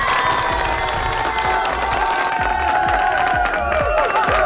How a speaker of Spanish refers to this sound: Le mandamos la mejor energía, la mejor fuerza y obvio, por supuesto. Otro fuerte aplauso para ustedes.